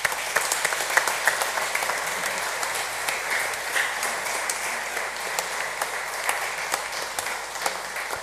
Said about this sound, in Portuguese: Para ele, para todos, a nossa gratidão com uma salva de palmas.